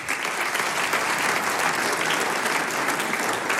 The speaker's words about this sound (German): Jetzt darf ich den Hausherrn mit Applaus auf die Bühne bitten, den Herrn Bürgermeister von Fronleiten, Magister Johannes Wagner. Bitte sehr.